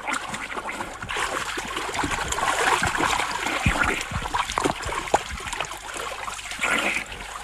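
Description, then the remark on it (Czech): Steady splashing and churning of water as someone swims in a river toward a fisherman's boat, with repeated sloshing strokes over about seven seconds, no voices present. “Pane rybáři, nezlobte se na mě. Už k vám plavu.”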